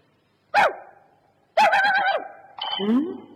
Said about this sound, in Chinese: 呸， 这条该死的野狗。 呸，你把这死野狗的狗。